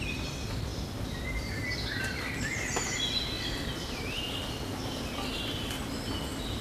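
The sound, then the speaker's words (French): Several birds chirp and twitter continuously as a thunderstorm approaches, their overlapping high calls rising and falling over a steady low outdoor rumble, fairly soft, with no one speaking. “Par la brève intensité de ce coup de tonnerre, au milieu des gazouillis des oiseaux, qui semblent se moquer totalement de l'arrivée de cet orage.”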